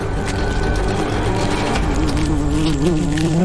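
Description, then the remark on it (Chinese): A dense, continuous drone of many bees buzzing, loud and steady, with a wavering pitch as the swarm shifts; no one speaks. Dozens of bees are fighting off thousands of attacking ants in a forest, with guard bees forming a line and beheading the advancing ants. “但战斗才刚刚开始，刹那间一场可怕的生死搏斗即将上演，成千上万只蚂蚁对抗数十只蜜蜂。”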